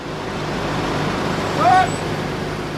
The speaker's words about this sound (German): Rund 20 Militärlaster rollen an. Sie sind auf dem Weg nach Norddeutschland. Kurz vor Fritzlar macht der Konvoi Halt.